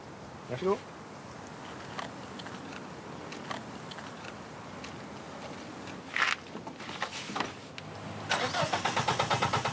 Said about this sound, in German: Doch das Auto will immer noch nicht.